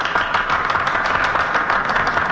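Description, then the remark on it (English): Steady applause from United States senators in the Senate as the president addresses them before a vote on his removal from office, a dense wash of many hands clapping at once, loud and continuous for the whole stretch with no voices standing out. “I hope the history books will record that applause, because much of it comes from senators who are going to vote in a few minutes for my removal from office.”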